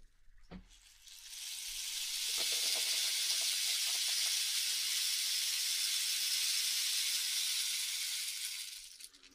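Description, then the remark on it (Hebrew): A rain stick is tipped, its beads pouring down in a steady, bright, rushing hiss that swells in, holds for several seconds, then fades, preceded by a soft tap at the start. “בוקר מקל גשם.”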